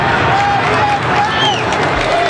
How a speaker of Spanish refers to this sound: De hecho, los aplausos que ustedes escuchan en el ambiental de Cooperativa que maneja Pedro Fuentes acá en el estadio de Colo Colo es porque el equipo acaba de reaparecer en el terreno de juego sin cambios